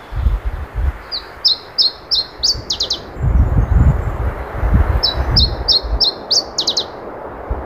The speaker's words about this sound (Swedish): Ja, vi kör det igen. Ja, det här är underbart. Åh. Oj, oj, oj. Åh. Iberisk gransångare. Det är det som gäller. Det här är en ovanlig fågel som har dykt upp, eller vad?